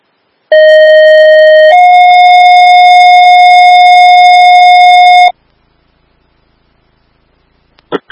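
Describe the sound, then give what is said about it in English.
A loud, steady electronic alerting tone from a 12 o'clock noon test of the Twin Meadows radio alerting system: one pitch that steps slightly higher after about a second, held for several seconds, then cut off abruptly. A couple of faint clicks follow. “This is Minutes of the Twin Meadows radio alerting system at 12 o'clock noon.”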